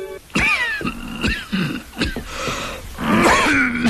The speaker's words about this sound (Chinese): 你的咳嗽又加剧，上次给你的药服了吗？